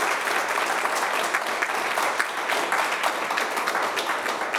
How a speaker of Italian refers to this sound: Allora, intanto le facciamo un applauso.